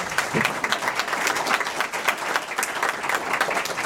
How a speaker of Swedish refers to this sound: Tack, där var den minuten slut och jag tycker vi ger alla en applåd.